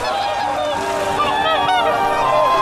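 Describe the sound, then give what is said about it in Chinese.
A flock of whooper swans honking continuously, many bugling calls overlapping into a dense, steady, loud chorus with no pauses, at a natural tidal lake on China's Yellow Sea coast where they winter, in November. “每年十一月，生活在寒冷的西伯利亚和中国新疆、内蒙古的大天鹅，都会来到中国黄海这片天然潮汐湖过冬。”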